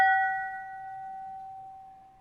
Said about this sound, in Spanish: Tocó, dice, la campana de la iglesia en Colombia, minutos antes del... terremoto. Del terremoto. Y ahí podemos ver, bueno, está literal el buitre tocando la campana.